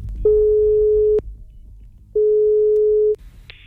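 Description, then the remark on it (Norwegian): A telephone ringback tone for a call placed to Ørjan Nyland: two long, steady mid-pitched beeps, each lasting about a second with a pause between them, followed by a short click as the call connects. “Men skal vi ringe Ørjan Nyland og spørre om det der å dusje, ikke dusje rett etter trening, om det er greit?”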